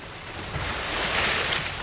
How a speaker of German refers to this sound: Sanft wogt das Wasser am Hafen von Sansibar. Bis auf das Meeresrauschen ist nichts zu hören.